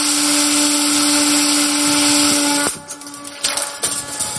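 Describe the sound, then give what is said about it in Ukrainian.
A high, steady electric whine of small FPV drone motors buzzes loudly as soldiers launch on a hunt after a signal about a potential target, holding a constant pitch for a few seconds before cutting off abruptly, followed by softer fluttering whirs and rustling. “В момент нашої розмови воїнам надходить сигнал про потенційну ціль. Вони вилітають на полювання.”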